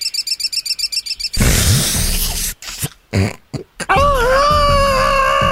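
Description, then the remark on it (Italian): A voice imitates a budgerigar: a fast run of about a dozen high, evenly spaced chirps, then a burst of harsh, noisy squawking with short breaks, ending in a shrill, wavering warble. “Sono una cocorita, della cocorita.”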